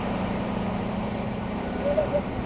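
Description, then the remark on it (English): A heavy dump truck engine idles steadily, a low, even rumble under broad mechanical noise, with a few short high whines near the end as the dump bed begins to lift to unload about 3,000 kilograms of wet weeds from Dal Lake at a compost site. “I'm being told to move away as the truck bed is raised.”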